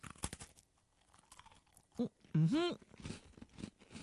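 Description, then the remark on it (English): Crisp crunches as someone bites into a crunchy orange-flavoured cream biscuit and chews, with a short appreciative hum partway through and soft mouth noises continuing afterward. “Well, satisfying crunch.”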